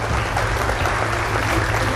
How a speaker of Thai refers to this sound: ขอเสียงปรบมือให้ด้วยนะครับยินดีด้วยนะครับ